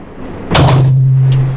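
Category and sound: gunshot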